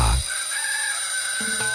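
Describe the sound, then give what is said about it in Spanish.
A rooster crows once, loud, a strained, sustained call that stretches for under two seconds before cutting off, with no voices around it. “5 de la mañana y la chicha suena más fuerte que el gallo de la catedral.”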